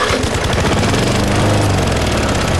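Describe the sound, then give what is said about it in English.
An old push lawn mower engine runs steadily in a yard at a loud, even drone, its low rumble churning with a rough, buzzing rattle throughout. “Are you still pushing that old mower around the yard?”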